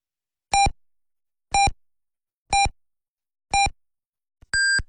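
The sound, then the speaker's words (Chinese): Four short, evenly spaced electronic beeps one second apart, followed by a longer, higher-pitched final tone: a clear time signal on Binhai Arts Radio (FM 101.7) marking 22:00 Beijing time, heard alone without talk. “滨海文艺广播为您报时，北京时间22:00。”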